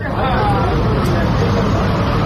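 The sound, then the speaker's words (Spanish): Steady outdoor street ambience at an Israeli army checkpoint in the West Bank, where a metal barrier stops cars entering a Palestinian village: a dense low rumble of queued idling cars and a murmur of voices, busy and continuous throughout. “es que a veces, cuando quieren entrar en su pueblo, el ejército israelí lo cierra, y lo hace con una barra metálica que impide el paso de los coches, y hemos visto cómo se iban, bueno, amontonando ahí los coches. Vamos a escuchar el sonido ambiente.”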